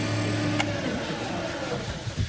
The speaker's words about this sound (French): qu'est-ce qu'on entend ? On entend un tour à bois. Donc là, on est sur un atelier tournage sur bois où les élèves vont fabriquer un porte-clés avec à plusieurs pôles.